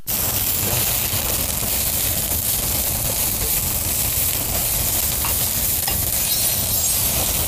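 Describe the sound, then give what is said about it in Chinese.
Food sizzles steadily in a hot pan, with a continuous crackling hiss and occasional scraping as it is stirred, loud throughout with no talking. “可以的，可以的，看着挺有食欲， 这可以上锅了。”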